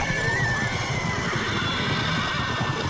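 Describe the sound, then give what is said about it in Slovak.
Horses in a stable neigh and whinny over a dense, continuous rumble of stomping hooves, the whole scene loud and busy, with no voices. “Nastal ohromný dupot a erdžanie.”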